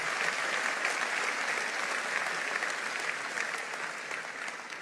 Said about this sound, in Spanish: Vamos, dale un aplauso al Señor fuerte.